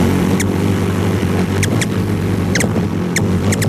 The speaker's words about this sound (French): Le colibri à gorge rubis, ses pipiments lorsqu'il se nourrit en groupe.